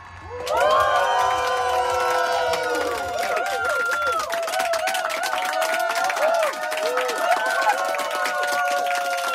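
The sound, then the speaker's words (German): The live audience at the FM4 stand-up comedy stage cheers and whoops loudly, many high voices shouting over steady rapid clapping that carries on throughout. “Ja, okay, ich motiviere zwar ein bisschen, aber den Rest macht das Live-Publikum.”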